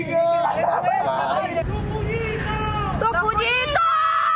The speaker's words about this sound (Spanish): Fue el grito de uno de los prisioneros. Tensa, triste y dramática transcurrió la tarde de este miércoles en el denominado Centro de Tortura El Helicoide, donde permanecían al menos 90 presos políticos.